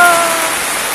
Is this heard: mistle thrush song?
no